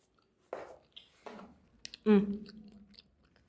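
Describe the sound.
A voice imitates crunchy chewing and munching: three quick mouth-made crunches and smacks, the last one louder and drawn out with a voiced munching tone.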